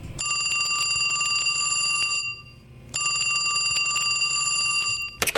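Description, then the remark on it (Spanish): A telephone rings in two long electronic bursts separated by a short pause, each a steady, high-pitched trill that is fairly loud, with no voices. “A ver, que suene el teléfono.”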